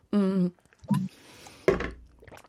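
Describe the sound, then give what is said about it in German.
A voice imitates a water balloon bursting, made with a little water held in the mouth: a short hummed tone and a low grunt, then a sudden wet, spluttering burst that trails off into a hiss, fairly loud. “Wasserbombe. Oh. Ja, Wasserbombe.”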